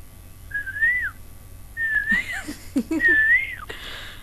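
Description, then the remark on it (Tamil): A person whistles an imitation of an Asian koel call: three clear, fairly loud rising-then-falling notes, with soft breathy sounds between the second and third. “அவங்க வந்து குயில் வடிவில சொல்லிட்டாங்க.”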